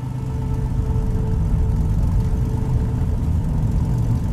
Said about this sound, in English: We get into the truck and drive into the darkness of the unlit back roads. No one says a word.